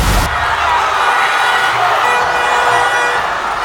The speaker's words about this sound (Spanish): Y sí, la afición sigue encendida después de que México derrotó 2-0 a Ecuador en el Estadio Ciudad de México. La gente no dejó de lado el triunfo y celebró a su manera, con cánticos, con banderas, con silbatos.